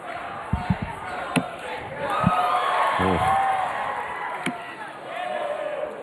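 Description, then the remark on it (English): A crowd at a darts match cheers and chants in a steady, loud roar as the score is tied at 7 apiece, with sustained shouted tones rising above the din and a few sharp thumps near the start. “And now the crowd gets into it.”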